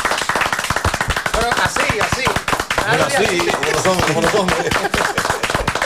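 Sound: group applause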